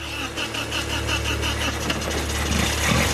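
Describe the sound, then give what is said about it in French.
A car engine starts after several attempts and then runs at a steady idle in a workshop: a loud, continuous low rumble with a fast, even pulsing beat and faint rattling on top, with no talking. “Et voilà! Le moteur parle!”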